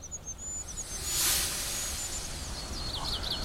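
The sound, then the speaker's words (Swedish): Faint, very high, thin peeping calls of a goldcrest run through a hissy outdoor background, with a brighter burst of chaffinch song creeping in near the end. “Men det gör då att kungsfågelns lilla pipande försvinner lite grann.”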